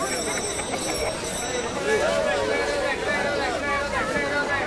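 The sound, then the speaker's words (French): Bicycle, rickshaw and tuk-tuk bells ring in quick, high-pitched trills over a busy, noisy street full of people in India, with a constant murmur of crowd voices and traffic underneath. “On est en Inde. Tu entends? Les sonnettes des vélos, des rickshaws, des tuk-tuks.”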